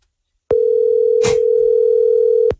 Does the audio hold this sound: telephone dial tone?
yes